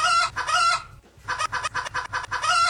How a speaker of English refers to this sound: Just a rooster.